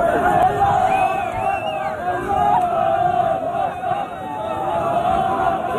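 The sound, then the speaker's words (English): Dozens of men trying to storm the Moroccan-Spanish border at Ceuta yell and shout Allahu Akbar together in a loud, continuous crowd roar, with overlapping raised voices and occasional higher-pitched cries rising above the dense, chaotic din throughout. “The sound of dozens of men again trying to storm the border of Ceuta and yelling Allahu Akbar.”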